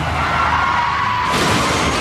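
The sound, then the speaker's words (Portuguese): A car skids and rolls over while its driver is typing on a phone, a loud, continuous grinding roar of tumbling metal that turns harsher and more crunching partway through, with no voices. “Chefe está capotando.”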